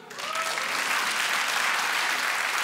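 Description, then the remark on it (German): Steady audience applause, a dense wash of clapping that swells quickly and holds at an even, fairly loud level throughout, with no voices standing out. “Habt die Kinder, einmal per Applaus.”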